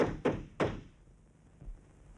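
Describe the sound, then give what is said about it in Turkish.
Three heavy thuds pound against a locked door, the first two fast and forceful, then a softer, lower knock after a short pause, with no voices in between. “niye kilitledin kapıyı?”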